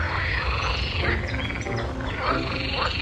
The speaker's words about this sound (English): If you hear a chorus of toads arguing on lily pads in the distance, you're in the right place.